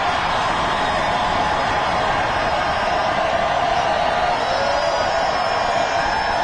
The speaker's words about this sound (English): That is a very large and very enthusiastic crowd.